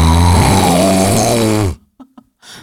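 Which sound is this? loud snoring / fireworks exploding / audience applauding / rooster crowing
loud snoring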